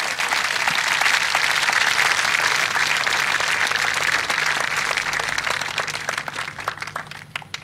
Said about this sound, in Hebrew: אפשר למחוא כפיים.